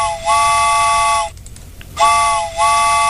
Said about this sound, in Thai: เอาล่ะค่ะคุณผู้ฟังชั่วโมงที่สองแล้วเตรียมตัวกันหรือยังรถไฟมาแล้วค่ะ